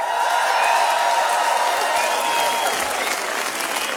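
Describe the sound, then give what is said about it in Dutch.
Sustained audience applause, a dense wash of many hands clapping at steady loudness throughout, with some crowd cheering and whistles mixed in, no clear speech. “Heeft dat zo'n één groot applaus.”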